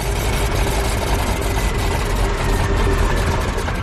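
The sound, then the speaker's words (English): The engine of a D21 propeller aircraft with a variable pitch propeller runs steadily and loudly on the ground, a dense, constant droning roar with a faint underlying hum, holding an even level throughout with no voices. “The variable pitch prop gave the D21 its lightning fast climb speed. But if it's mishandled, the prop can overload and damage the engine.”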